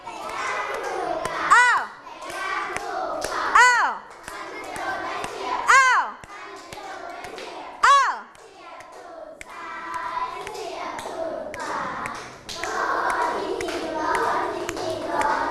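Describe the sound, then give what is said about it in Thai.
A group of children clap their hands for a child who has just danced, in a busy, uneven patter, with bright rising shouts from young voices breaking out every couple of seconds and chatter throughout. “เก่งมากน่ารักมากๆปรบมือให้”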